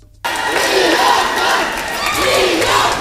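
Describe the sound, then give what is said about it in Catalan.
A large crowd in the Plaça de l'Ajuntament of Sant Vicent del Raspeig erupts into loud, sustained cheering and shouting as the winning fogueres of 2026 are announced, after a brief quiet start, a dense roar of many voices that swells and holds steady for about three seconds. “Moments d'eufòria a la plaça de l'Ajuntament de Sant Vicent del Raspeig.”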